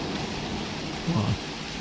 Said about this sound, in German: Ah, jetzt wird es besser, das Gewitter. Jetzt wird es besser.